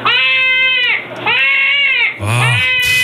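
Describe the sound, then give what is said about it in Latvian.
A badger screams in three loud, drawn-out wails, each nearly a second long, harsh and strongly tonal with a bleating quality, the last one starting lower and rising. No one speaks. “Un tagad kopā ar to āpsi.”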